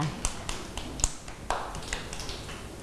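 Children in a classroom clapping for a classmate in a light, scattered way, with a dozen or so soft, sharp claps at an uneven pace rather than in unison. The applause stays fairly quiet and no one talks over it.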